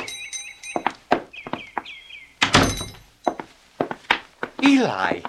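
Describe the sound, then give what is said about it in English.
A door opens with a single solid thunk amid a few sharp knocks and clicks, with high chirping tones early on and a brief voice sounding near the end, as the door is opened for a chair being carried in from a horse-drawn wagon. “Here, you take the chair, Eli, and I'll get the door for you.”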